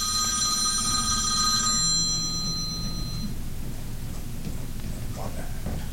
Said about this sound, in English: We got a phone call? Oh, that is not my phone. That is our special guest.